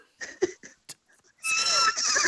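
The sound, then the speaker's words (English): A person imitates a horse's neigh, starting with a few short breathy bursts and then breaking into a loud, sustained, quavering whinny that fills the second half. “give us your best neigh.”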